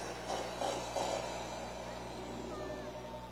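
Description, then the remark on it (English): A pearly black Mustang GT engine runs with a steady, low rumble, swelling slightly in a few brief surges early on, over a constant outdoor background wash. “Nice pearly black Mustang GT. That's right. Sounds good.”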